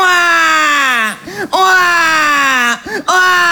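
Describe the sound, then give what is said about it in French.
A baby wails loudly in two long, sustained cries, each breaking off with a short gasping inhale before starting again, harsh. “Ils en sont venus au constat que le pleur d'un bébé peut te brûler des neurones.”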